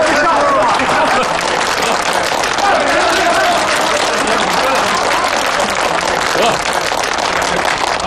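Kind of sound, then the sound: crowd, crowd applauding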